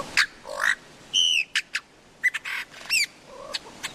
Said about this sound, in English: Lyrebird. Mate, it sounds nothing like that.